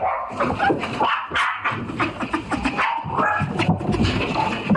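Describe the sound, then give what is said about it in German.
A dog barks frantically and nonstop, rapid sharp yelps and barks piling up in quick succession, loud, with no pause for the whole stretch. “Und das ist auf jeden Fall schon eine Verhaltensstörung, was der Hund macht.”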